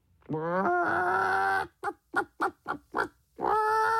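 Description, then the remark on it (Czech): A human voice imitates a hen: a drawn-out, wavering call, then a rapid run of six short clucks, and another long squawk to finish, loud. “První přišla slepice.”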